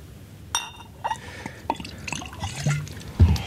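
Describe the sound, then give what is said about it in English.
A stiff drink of whiskey being poured into a glass: a few sharp glassy clinks ring out, followed by soft trickling and splashing of liquid, with a louder knock near the end. No one speaks. “After I fix myself a good stiff drink.”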